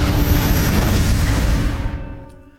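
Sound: metro train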